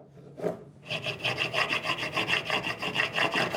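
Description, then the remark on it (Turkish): A molding plane with a shaped edge scrapes along the edge of a piece of lumber, working all the way around it, in quick, steady back-and-forth strokes, fairly loud, following a single short rasp at the start. No one speaks. “Şimdi elimde bir kalıplama rendesi var ve bu kalıplama rendesinin şekilli bir kenarı var.”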